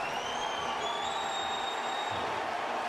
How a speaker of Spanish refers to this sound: Viene el cambio de Portland y es Valeri el que va a entrar por Van Rankin. Y escuchen este aplauso para Diego Valeri.